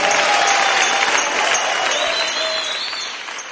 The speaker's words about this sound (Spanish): Aleluya. Gloria a Jesús. Dale el aplauso fuerte, fuerte.